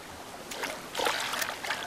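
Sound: fast-flowing stream water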